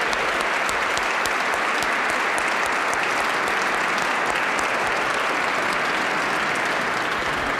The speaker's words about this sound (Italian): Bene, si impegneranno loro per darci una 56esima edizione meravigliosa, non prima però di avervi chiesto l'ultimo applauso che è per voi.